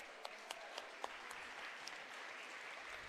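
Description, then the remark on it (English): An audience at a livestock auction claps steadily for a sponsor who bought a lot and donated it back for resale, producing a dense, crackly wash of applause with a few sharper individual claps standing out near the start. No one speaks over it. “Give them a round of applause, guys.”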